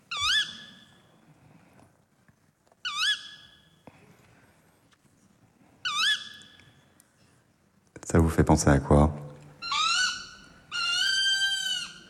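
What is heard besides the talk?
tawny owl calling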